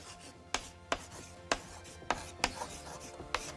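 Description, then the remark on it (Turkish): A pink pen writes a rule about setting few rules for children on a board with a run of sharp, irregular tapping strokes, about six clear knocks over a soft continuous scratchy hiss. No one speaks. “Hemen yazalım bakalım tahtada nasıl duracak.”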